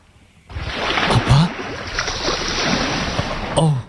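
Steady, broad rushing of sea water and waves fills the scene, loud and continuous, with brief low vocal sounds breaking through near the start and end.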